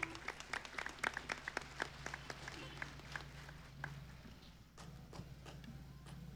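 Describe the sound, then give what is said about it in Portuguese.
An audience applauds after a priest's letter of gratitude is read out, with sharp, crisp claps at a brisk, uneven pace. The applause thins out and fades over the last couple of seconds over a low steady hum. “uma salva de palmas.”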